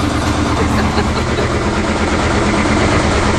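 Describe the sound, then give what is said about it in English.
A home washing machine runs its cycle at night with a loud, steady mechanical rumble and rattling vibration, droning on without a break and with no voices. “Yeah, that was our washing machine last night as we're trying to watch TV.”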